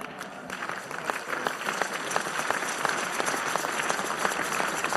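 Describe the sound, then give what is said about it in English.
An audience claps steadily, many hands producing a dense, continuous patter of sharp clicks at an even level for several seconds, with no voices rising above it. “Right, those of you are not clapping, right?”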